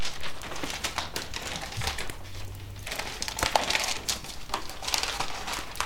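A newspaper is passed over and rustled: several seconds of crisp, irregular crackling and crinkling, with sharper paper snaps scattered throughout and no voices.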